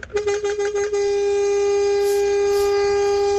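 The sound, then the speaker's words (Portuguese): A powerful vehicle horn sounds a few quick stuttering toots, then holds one long, loud, steady blast with rich harmonic tones, dominant with no talking. “Boa, buzinão, hein? Esse foi um buzinaço.”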